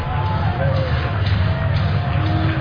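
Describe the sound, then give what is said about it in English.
Steady crowd murmur fills a baseball stadium in Las Vegas at a night game with a crowd of about 10,000, a dense wash of overlapping voices and babble holding at a constant level without any distinct cheer or peak. “We've got a great crowd here.”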